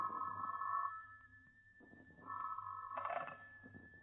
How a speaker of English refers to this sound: It was a good thing I did, because the next morning, the phone rang early.